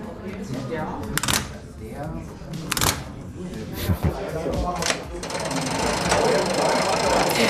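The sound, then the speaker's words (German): A 7-metre-long mechanical railway signal box with levers and cranks, signalling a train from Treben entering track 4: irregular heavy clunks and ratcheting rattles, with a few sharp metallic bangs over a steady mechanical whir and faint murmuring voices. “Ja, so klingt die Einfahrt eines Zuges von Treben auf Gleis 4, rein signaltechnisch.”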